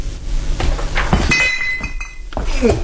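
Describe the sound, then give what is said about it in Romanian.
Glass bottles clink together several times, one clear ringing clink standing out midway, set against a low murmur of background noise. “Nu-l vedeam de sticle.”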